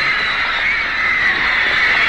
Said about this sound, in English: Women scream.